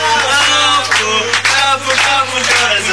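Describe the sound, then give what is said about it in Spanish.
A large audience at a comedy show breaks into loud, sustained applause for a comedian, dense clapping mixed with some cheering voices, filling the whole stretch without a break. “Gracias por la avalancha de aplauso.”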